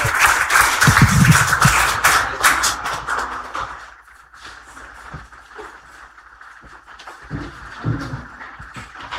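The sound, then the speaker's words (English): People at a church worship service applaud as a woman comes up to share, dense overlapping clapping that is loudest at first, then thins out to scattered, quieter claps and shuffling toward the end. “Let's put our hands together as our sister comes to share.”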